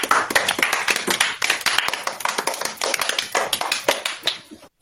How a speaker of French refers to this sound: Bravo les amis, vous êtes formidables. Applaudissez-vous.